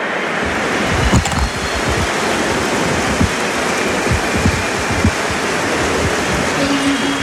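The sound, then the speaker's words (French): A stadium crowd at the Stade Vélodrome gives a rugby player an ovation, a loud, steady wall of cheering and applause that holds at the same level throughout, with scattered sharper claps poking through and no talking. “Il le montre à Hugo Mola, il monte ses oreilles, il a entendu tout le soutien du public. Ovationné par le stade Vélodrome.”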